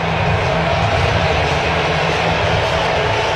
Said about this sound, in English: Steams over for a strike, 98. Ferrer ahead, 0-2. And here comes the Seattle crowd. They want a strikeout.